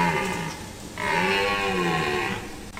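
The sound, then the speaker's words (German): A red deer stag bellows during the rut in a forest: two long, deep, throaty roars, a shorter one followed by a louder, drawn-out call, with no talking. “Das ist wahrscheinlich kein Bär, sondern eben ein Hirsch auf Partnersuche.”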